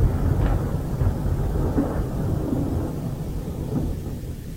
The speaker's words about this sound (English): Thunder growls. Through glistening teeth. Exploring sonic seascapes. One low rumble.